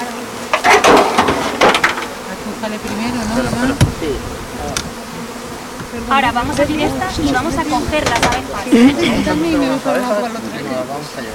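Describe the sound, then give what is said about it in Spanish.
A steady swarm of bees buzzes throughout as beehives are opened and the bees are caught to show people, rising in intensity at times, with scattered wooden knocks and clunks and people talking over the drone. “Ahora vamos a abrir estas y vamos a coger las abejas.”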